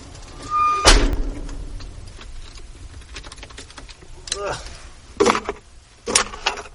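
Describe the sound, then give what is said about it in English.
A short high squeal followed by a heavy mechanical clunk as the squeaky left doors of a full-size Ford van swing open automatically, then several lighter rattling knocks and thumps, with faint voices in the background. “All right, now let's open the doors. That's my squeaky left.”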